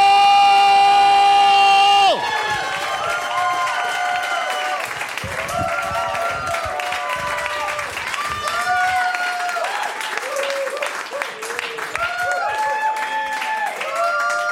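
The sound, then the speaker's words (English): A brief sustained musical tone cuts off into loud, steady applause from a stand-up comedy audience in Columbus, dense clapping mixed with rising whoops and cheers that keep going at an even level throughout. “Here for him, ladies and gentlemen, let's hear it for”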